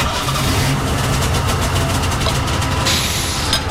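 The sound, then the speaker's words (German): A Golf car engine idles in a garage, a loud, steady low rumble with a rough throbbing pulse, running continuously without any voices over it. “Ach, Entschuldigung, wie dumm von mir, der Golf ist ja noch aus.”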